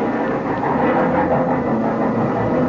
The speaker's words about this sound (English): When the train finally pulled in, they walked me down to my car and stood there with me in the vestibule until the train was ready to pull out.